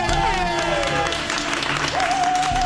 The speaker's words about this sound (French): Et puis j'aimerais maintenant que vous fassiez un immense tonnerre d'applaudissements pour Monsieur Absurde, Monsieur Blaise Bersinger.